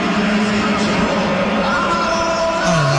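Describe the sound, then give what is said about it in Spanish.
A dense stadium crowd roars steadily, shot through with shrill whistling of disapproval that rises above the wall of noise for the full few seconds, loud. “Escucha la silbatina y voltea hacia atrás para ver el estadio, para ver si realmente lo están silbando.”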